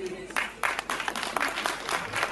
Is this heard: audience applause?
yes